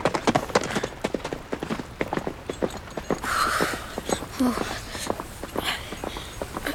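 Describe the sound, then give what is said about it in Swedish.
Horse hooves clip-clop in a steady, brisk rhythm of sharp, hollow knocks as Perk rides away with the other soldiers, with a brief rustling swell partway through before the hoofbeats continue. “Han bara red därifrån och tog de andra soldaterna med sig.”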